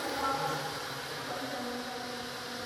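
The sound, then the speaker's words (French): A steady, continuous drone of buzzing bees hums throughout, low and fairly faint, with no clear voices over it. “Ah, oh, c'est des abeilles. Ce sont des abeilles.”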